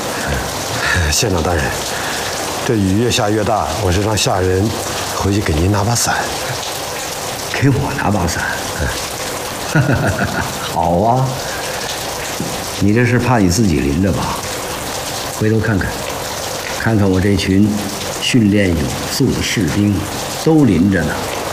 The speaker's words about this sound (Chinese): 县长大人，这雨越下越大，我是让下人回去给您拿把伞。